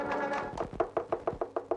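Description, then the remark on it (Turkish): Rapid, insistent knocking on a door: about seven quick, evenly spaced raps, fairly loud, following a brief muffled jumble of sound at the start. “Açın kapıyı!”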